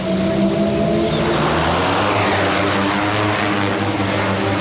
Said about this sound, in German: Hier in Spielberg über einem Campingplatz startet gerade die Polizeidrohne. In wenigen Sekunden ist sie schon in der Luft und fliegt über das Veranstaltungsgelände.